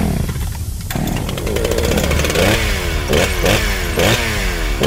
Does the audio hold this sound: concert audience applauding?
no